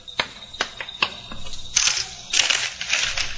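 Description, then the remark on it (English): A few sharp metallic clinks of a nickel (5-cent coin) being handed over and jingling, followed by a longer stretch of crisp rustling, with no voices. “Give me a nickel. What? 5 cents.”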